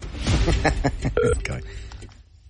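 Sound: telephone call ringing out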